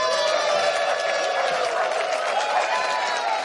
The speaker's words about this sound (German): Und ich bitte um einen riesengroßen Applaus für Dietmar Wischmeier.